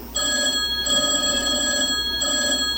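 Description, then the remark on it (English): A telephone rings steadily and fairly loudly, its bright electronic trill sustained through the whole moment with a brief dip partway, and no one speaks. “I'll call them on the phone.”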